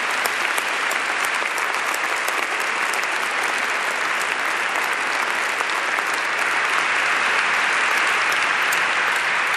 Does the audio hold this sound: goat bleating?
no